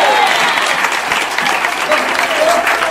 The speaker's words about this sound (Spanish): Alabe a Dios si puede. Denle un fuerte aplauso al Cristo de la gloria. A su nombre.